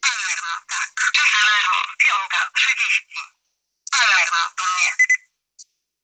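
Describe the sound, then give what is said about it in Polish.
A watch alarm beeps in rapid, chirpy bursts, fairly loud, stops briefly, then resumes for a few more seconds before a final short blip. “No i na przykład na alarmie pokażę.”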